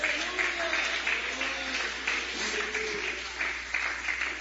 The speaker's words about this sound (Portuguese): Que Deus te abençoe. Que Deus te abençoe, pode louvar a Ele com palmas.